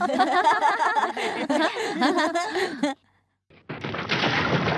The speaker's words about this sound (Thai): ทุกคนดูสิหินมันยังกลิ้งไม่หยุดเลย เหมือนในหนังผจญภัยจริงๆฮะ